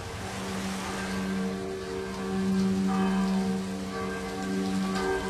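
Steady autumn rain, gusting in from the south, hisses continuously with gusty swells in intensity, heard from a boat near Preko, while a low, droning engine-like hum runs underneath throughout; no one speaks.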